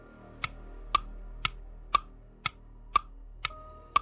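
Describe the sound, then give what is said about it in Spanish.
A living room clock ticks steadily, about two crisp, sharp ticks per second with a faint alternating tick-tock character, eight in all over a low background hum. No one speaks. “El reloj de su sala.”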